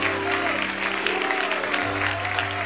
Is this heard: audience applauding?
yes